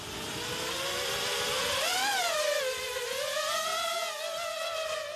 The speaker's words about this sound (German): Jetzt werden wir mit einer munitionierten Drohne einen Angriff üben. Dort drüben. Ein Pilot wird einen Testflug machen und ein Fahrzeug zerstören.